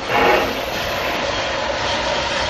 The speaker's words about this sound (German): Nichts beflügelt meine Fantasie so sehr wie der Klang einer Dampflokomotive.